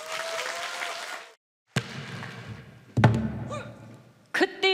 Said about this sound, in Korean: 자, 두 아티스트, 두 출연자의 멋진 무대 여러분들 뜨거운 박수로 맞이하도록 하겠습니다.